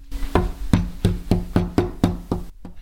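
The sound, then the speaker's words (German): A rapid, steady series of about eight or nine knocks on a door, fairly loud, each rap sharp and evenly spaced, with no voices. “Herein.”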